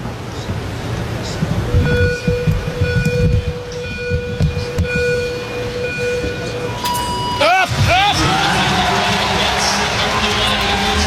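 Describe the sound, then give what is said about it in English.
A loud home crowd in Scotland cheers and whoops continuously for C3 rider Finlay Graham during a cycling race, with sustained horn-like tones through the first half and a sharp rising whoop near the end as the roar swells. “Listen to that home crowd from Scotland, Finlay Graham.”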